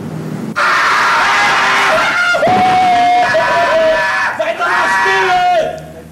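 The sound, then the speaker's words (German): A dense crowd of young fans screaming at high pitch, loud and sustained for several seconds with shrill overlapping voices rising and falling, no clear words, fading out at the end. “Man sagt, wenn das Geschrei durchkommt, kann man ja den Glauben an die Menschheit verlieren.”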